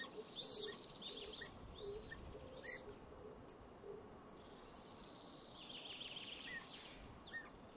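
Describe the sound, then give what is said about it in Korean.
Several forest birds chirp and whistle in short repeated phrases over a steady insect-like hum, with calls overlapping and no voices present, in a forest during the breeding season. “이 숲은 번식기에 다양한 새들의 안식처가 됩니다.”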